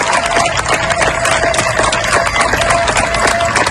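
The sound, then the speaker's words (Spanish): Neighbours in Niebla, Huelva, applauding to see off members of the UME who worked for days to control a wildfire: steady, dense clapping that holds at an even, loud level throughout, with a faint sustained tone running underneath. “Estos aplausos que escuchas son de los vecinos de Niebla, en Huelva, para despedir a los miembros de la UME que han trabajado durante días para lograr controlar el fuego que ha afectado a más de 33.000 hectáreas.”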